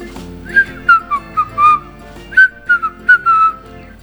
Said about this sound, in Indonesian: Ia terbang pulang sambil bersiul ringan.